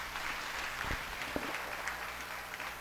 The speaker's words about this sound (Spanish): Un fuerte aplauso a ustedes mismos.